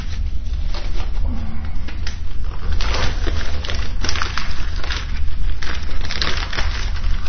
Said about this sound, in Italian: Infatti io adesso aggiungerò un bel pezzo di legna. Se ci riesco, no, un po' troppo grosso, devo spaccarlo un po'. Sempre a calci, mi raccomando. Ecco fatto. Come dice il proverbio, aggiungere legno al fuoco.